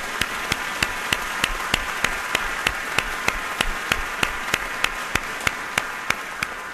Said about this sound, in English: Can we give them a round of applause for their support?